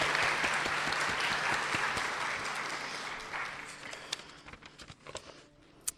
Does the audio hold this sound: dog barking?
no